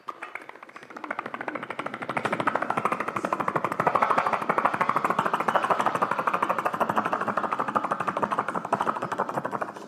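A helicopter surveying drought conditions flies overhead, its rotor making a rapid, steady chopping beat over a broad engine roar that swells during the first two seconds and then holds loud and even.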